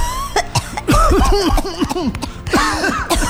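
A loud fit of coughing from people who have breathed in smoke from a burning forest: a rapid series of harsh, throaty coughs with a short pause partway, then a second burst of hacking.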